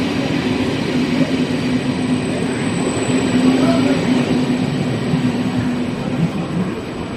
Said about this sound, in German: Ich bin hier in Konstanz am Bahnhof und nur 5 Minuten zu Fuß von hier entfernt ist der Grenzübergang in die Schweiz, in die Nachbarstadt Kreuzlingen.